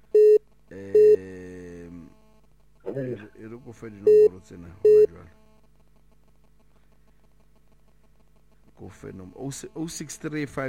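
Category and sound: signal or alarm, telephone dialing tones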